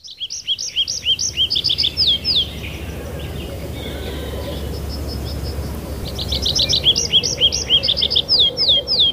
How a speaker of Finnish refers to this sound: Sunnuntaiaamossa on koittanut se hetki, kun on aika kuunnella viikon luontoääni. Metsä Kirvisen esittelee Pertti Koskimies.